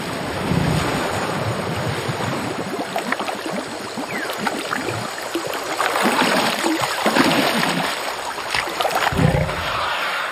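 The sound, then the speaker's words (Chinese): An Asian elephant drawing mineral-rich river water up through its two-metre trunk, about five litres at a time: continuous sloshing and splashing over a steady rush of wind and flowing water, with no voices. “它两米长的鼻子一次就能吸上来五升水。”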